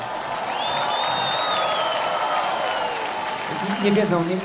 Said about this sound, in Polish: Zróbcie brawa dla naszych bohaterów.